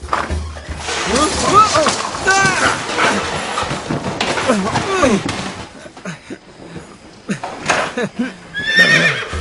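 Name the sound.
horse neighing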